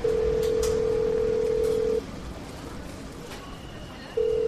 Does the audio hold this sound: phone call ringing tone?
yes